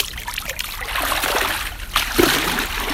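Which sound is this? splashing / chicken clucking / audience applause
splashing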